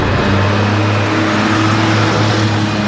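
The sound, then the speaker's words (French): Four old Traction Avant front-wheel-drive cars speed up with a loud, steady engine roar, a low droning hum running beneath a broad rush of noise for the whole stretch, with no voices. They are carrying members of the Lyon Gestapo to Dr. Dugoujon's house. “Quatre tractions avant arrivent en trombe.”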